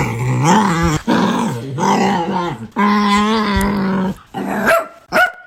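A dog named Smudge lets out unusual, excited growling noises, a run of drawn-out, warbling vocal bursts that rise and fall in pitch with brief pauses, almost like it is trying to talk.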